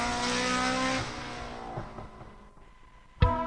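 A loud rally car engine at the 8th Rally Barbastro in Alto Aragón, Spain, revs with a dense harmonic roar, fading and dropping in pitch as it pulls away, then a sharp second burst of revving near the end. No voices.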